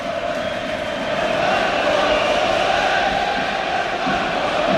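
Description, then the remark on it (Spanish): A large football stadium crowd chants in unison, a loud, steady roar of massed voices holding a sustained tone without pause for the whole stretch. “No sé si están gritando a por el palco.”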